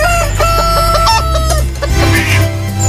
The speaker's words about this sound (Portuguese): tá jogando milho pras galinhas.